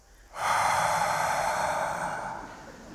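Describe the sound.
A live audience, split into two halves by the performer, imitates the sound of the sea and its waves with a loud, sustained breathy hiss. It swells suddenly, holds steady for about two seconds, then slowly fades, with no speech.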